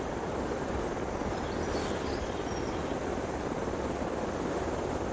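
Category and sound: insect, high-pitched insect chirping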